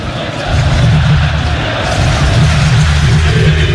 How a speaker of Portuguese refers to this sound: 0-0, mas a torcida sente um bom momento e canta alto em São Januário. Aumente o som para ouvir o torcedor vascaíno.